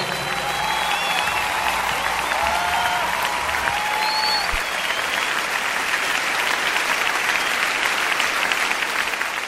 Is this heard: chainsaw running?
no